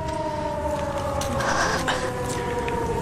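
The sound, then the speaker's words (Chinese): A loud alarm siren in Nanjing holds a steady, droning tone for the whole stretch as the ship Cricket enters Nanjing port, layered over a rough background rumble, with no one speaking. “就在日寇头子抬手命令准备射击时，突然响起了警报声。”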